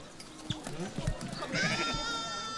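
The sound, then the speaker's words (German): A sheep being shorn of about 1.5 to 2 kilos of fleece lets out a long, wavering bleat in the second half, loud and rich in harmonics, following a stretch of muffled voices and shuffling background noise. “Also eine sehr große Erleichterung für das Schaf.”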